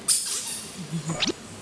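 A squeaky plastic duck toy, hidden for a finding game, is squeezed, giving a sharp high squeak at the start and another squeaky burst near the end, with soft shuffling between.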